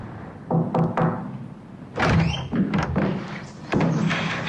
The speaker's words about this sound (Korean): 노크소리와 함께 종사손이 들어선다